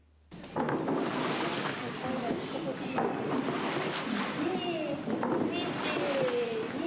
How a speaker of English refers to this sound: With a temperature of around 50 degrees Celsius, the hot spring water must be cooled down to a temperature suitable for bathing. One way to do this is yumomi, stirring the water using wooden paddles.